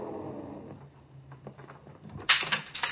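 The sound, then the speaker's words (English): A low, rumbling hum and scattered clicks give way to a sudden loud crash as the small glass window in an elevator door is broken with a gun butt, bright and crackling, followed by a second smaller burst of tinkling glass. “Then I heard that shattering of glass.”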